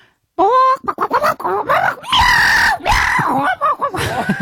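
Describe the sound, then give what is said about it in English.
A person vocally imitates a chicken squabbling with a cat, alternating frantic squawks and clucks with yowling, screechy cries in a loud, continuous burst of rapid, strained noises lasting a few seconds. “I'll do a chicken having a fight with a cat.”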